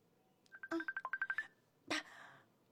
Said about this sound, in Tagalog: May katawag sa phone ko. Number man lang ni.